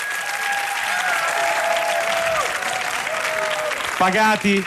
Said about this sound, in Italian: No, grazie per questo caloroso applauso. Tra l'altro mi è servito anche per ammazzare due o tre zanzare che da oggi pomeriggio ci stanno dando un fastidio incredibile.